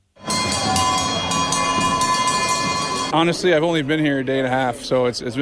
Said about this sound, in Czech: Za Kanadu nastoupil Sidney Crosby a přivítal ho na stadionu i zvuk, který z NHL nezná. Byly to pro Švýcarsko typické kravské zvony.